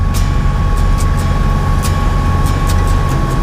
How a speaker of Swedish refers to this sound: Vägen blir smalare och krokigare medan bilen kör upp och ner för småbranta backar.